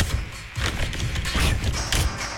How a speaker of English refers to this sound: The good people at OLG, always making it in time, slipping that envelope underneath the door.